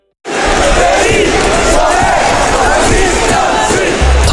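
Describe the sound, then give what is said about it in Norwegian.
A loud crowd from the local community cheers and roars continuously, many voices blending into a dense, sustained wall of shouting and whooping that starts abruptly and holds steady throughout. “Ta her lyden av lokalsamfunnet vårt.”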